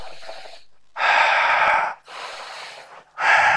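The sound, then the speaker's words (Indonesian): Deep, controlled breaths in a breath-regulation exercise: a long forceful inhale, a steady exhale, then another strong intake starting, each broad and airy with brief pauses between, no talking. “Orang latihan, orang-orang apa namanya yang ahli olahraga itu latihan seperti itu untuk ngatur napas.”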